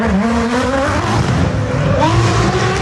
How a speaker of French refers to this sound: Ça me fait penser au bruit de votre voiture, Hervé.